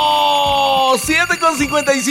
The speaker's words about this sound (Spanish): Los vamos a levantar con un despertador. ¡Ya levántense, compadres de sin cingareo!